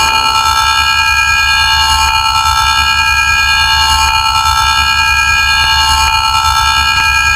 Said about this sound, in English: Sirens for the Christmas bombs.